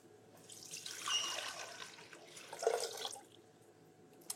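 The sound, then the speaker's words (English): Two cups of water, the first ingredient of an apricot ginger sauce, pour steadily into a container for about three seconds, fairly loud, with a brief surge midway, then trail off into quiet and a small clink. “So the first ingredient is 2 cups of water.”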